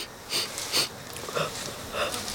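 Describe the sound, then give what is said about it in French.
A koala on all fours sniffs in four short, breathy bursts spaced about half a second apart, hissy and airy, fairly quiet, with no voices. “Le koala se met à 4 pattes et renifle.”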